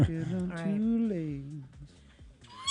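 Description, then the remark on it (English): A person imitates a horse with a wavering, quavering whinny that slides downward in pitch and trails off, followed by a brief high squeak at the end, fairly loud. “Yeah, that's a horse.”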